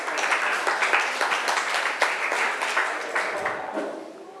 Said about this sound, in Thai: ขอบคุณครับปรบมือให้พรีเซนเตอร์สุดหล่อ